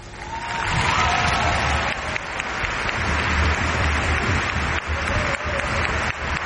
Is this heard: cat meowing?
no